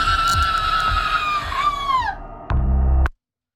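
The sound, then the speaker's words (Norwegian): A person lets out a long, loud, high-pitched scream that holds steady and then falls off, followed by a short burst of rumbling noise before silence. “Ja, for du skriker høyt.”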